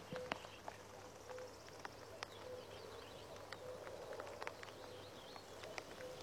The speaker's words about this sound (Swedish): Så att, och göken ropar där bakom dig så att nog känns det som maj i ljudbilden. Ja, nu är göken igång. Ska vi lyssna lite?